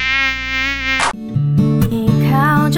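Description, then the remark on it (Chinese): A loud, steady drone of many buzzing flies hums for about a second with a thin, rasping tone, then cuts abruptly to a bright musical tune with stepping notes, the promotional tune of the station Voice of Tamkang (淡江之声). No one speaks. “省水省到不洗头，难怪招来那么多苍蝇。”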